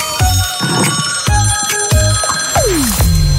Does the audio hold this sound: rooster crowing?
no